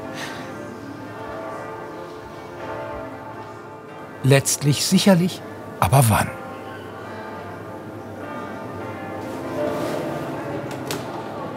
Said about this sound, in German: Die Glocken läuten zwar ein paar Minuten über den offiziellen Termin hinaus